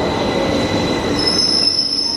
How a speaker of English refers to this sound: Even the train approaching is quite loud, it's about 85 decibels.